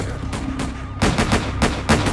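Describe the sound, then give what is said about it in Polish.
Gunfire in a shootout between the Barrow brothers and Jones and the police, with Bonnie firing an automatic Browning at Sergeant Kaler: a run of sharp, cracking shots in quick, uneven succession, about half a dozen loud bangs over a steady low rumble, with no voices. “Wtedy także Bonnie strzelała z automatycznego Browninga do sierżanta Kalera, zmuszając go do padnięcia pod dębem.”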